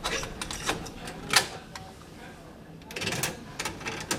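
A series of small plastic clicks and rattles, close and fairly quiet, with a sharper clack in the middle and more clicking near the end, like a cassette being handled and pushed into a tape deck.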